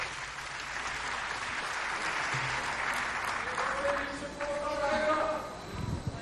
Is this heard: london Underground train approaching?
no